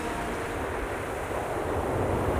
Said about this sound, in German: Er hat Angst vor den großen Wellen.